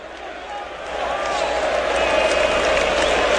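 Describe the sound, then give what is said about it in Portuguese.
A football stadium crowd at the Morumbi stadium roars as a dense, continuous wash of massed voices, swelling in loudness after about a second and then holding steady, with faint chant-like tones running through it. “Ouça um pouquinho do Morumbi, ó.”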